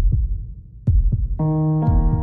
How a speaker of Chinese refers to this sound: 你有几耐冇好好听自己嘅心跳啦？